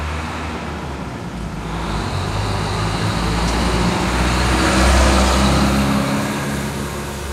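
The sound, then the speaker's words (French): Steady city street traffic in Belén with a continuous low rumble of engines, cars and heavier vehicles passing, swelling slightly louder midway. No one speaks. “Beaucoup plus de circulation. À l'époque, on pouvait circuler n'importe quand avec sa voiture si on avait la chance d'en avoir.”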